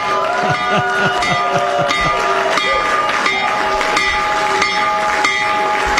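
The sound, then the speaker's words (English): A stock market opening bell, rung by the President at the market open, rings loudly and continuously for several seconds, a steady metallic clang over applause and cheering voices from a crowd. “When the markets open in just a few minutes, Trump accounts will benefit. So ring the bell, Mr.”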